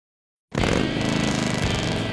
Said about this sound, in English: There's nothing like the sound of a Harley in the feel of the open road and knowing the bike beneath you is yours.